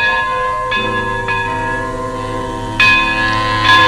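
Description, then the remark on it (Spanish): A large tower bell strikes the hour, tolling loudly about four times with uneven spacing, each stroke blooming into a rich, lingering hum that overlaps the next. No voices are heard. “Es la campana de la torre dando la hora.”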